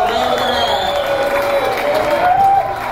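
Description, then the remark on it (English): A crowd claps steadily, a dense wash of applause holding at a constant level, with some cheers and voices mixed in through the whole stretch. “Give Daryl Cherney a big round of applause.”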